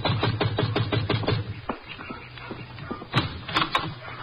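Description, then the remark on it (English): A quick, evenly spaced run of about eight knocks on the door of Shady Rest, a shabby rooming house, followed by a pause and a few scattered, sharper raps, moderately loud. “Yeah, you better knock again.”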